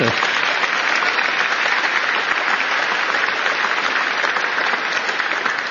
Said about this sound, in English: Jensen, yeah, go ahead, you can clap for him.